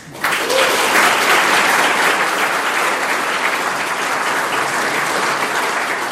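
A crowd claps steadily for several seconds, a dense, even wash of applause that starts abruptly and holds at a loud, constant level without voices, as an audience at a Polytechnic event welcomes guest Professor Antoni Dudek.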